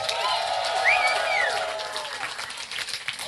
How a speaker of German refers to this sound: Wir sind … und ihr seid das Adieu Tristesse Festival. Danke sehr! Applaus für Daniel am Mischpult. Danke, Dani!